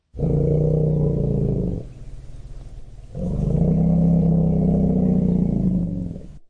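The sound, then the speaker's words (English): Two long, deep elephant rumbles of greeting, loud, each a few seconds of throaty low vibration with a brief quieter pause between them, no voices present. “That is a rumble of greeting for my guest”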